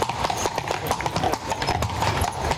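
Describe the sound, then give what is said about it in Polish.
Horses' hooves clip-clop on a city street in Kraków on a sunny day in a steady, brisk rhythm of sharp repeated knocks, with a faint murmur of background voices and street noise beneath. “A poza tym gołębie latają, turyści fotografują, a konie robią to, co potrafią w Krakowie najlepiej.”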